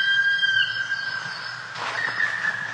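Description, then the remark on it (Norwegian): A black woodpecker gives a high, drawn-out squealing call that holds steady throughout, with a brief rougher, noisier burst toward the end; no one speaks. “Så er det noe som skjer med meg når jeg hører den her svart spetten.”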